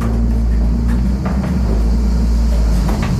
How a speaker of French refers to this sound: Voilà, le moulin se met un peu à tourner, on l'entend. Voilà. Le frottement des meules aussi.